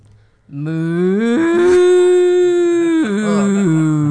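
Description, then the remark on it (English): A person imitates a cow with one long, loud, sustained moo as a hint in a food quiz whose answer is beef. The voice rises in pitch partway through, holds steady and strong, then drops and wavers lower toward the end. “That was an excellent cow.”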